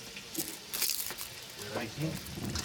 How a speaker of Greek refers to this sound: Έβαλα λίγο νερό και τα φύλλα της δάφνης μέσα.